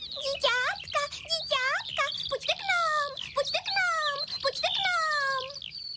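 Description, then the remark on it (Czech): A high, squeaky voice imitates a yellowhammer's song, rattling off quick rising and falling chirps in a close, continuous burst that ends in a few longer notes. “Hned na to přelétne nad zahrádkou strnad a do celého okolí se vychloubá. Bezu kvítí, bezu kvítí.”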